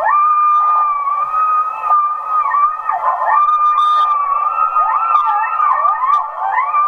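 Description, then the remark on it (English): A pack of coyotes howls and yips together, several wavering voices rising and falling over one another in a continuous, fairly loud chorus with no talking. “And those are coyotes.”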